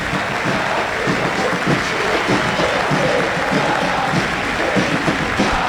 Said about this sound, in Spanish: Y aplauden hasta los futbolistas. Ahora Arboleda empezó a aplaudir. Le fue a decir el Chenique, hay que aplaudir ahora.